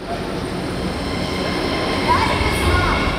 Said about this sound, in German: Es ist kurz vor 1 Uhr nachts in der Wiener U-Bahn-Station Volkstheater. Die letzten regulären Bahnen der Linie U3 verlassen die Station.